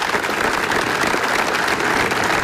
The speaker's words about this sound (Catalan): Aquest diumenge al migdia, davant de l'Ajuntament, s'ha dut a terme un minut de silenci, marcat per l'emoció i el dolor, i trencat per un llarg aplaudiment.